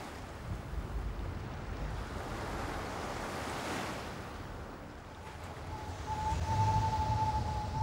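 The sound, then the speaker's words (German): Strong northeast coastal wind of force 7, with a felt temperature of 5 degrees, roars steadily, blending with crashing surf in a dense, continuous rush. A faint, thin tone rises briefly near the end. Nobody speaks. “Nordost, Windstärke 7.”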